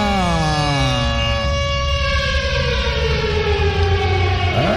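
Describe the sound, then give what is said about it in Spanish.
A loud siren sound effect, played in the booth of Cartagena radio station La Reina 95.5, wails continuously, its rich, buzzy tone sliding slowly down and then sweeping back up near the end, with no voices over it. “¡Suéneme la sirena!”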